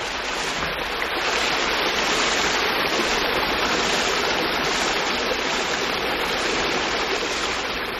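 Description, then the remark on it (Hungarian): Steady babbling of flowing water at the end of the mill race of the Orfi water mill, a continuous rushing and gurgling that holds an even level throughout with no voices. “kisétálunk a malomárok végéhez, ahol jól hallatszik a víz csobogása.”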